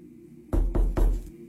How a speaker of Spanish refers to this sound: La puerta del fondo que comenzaba a abrirse y cerrarse sola.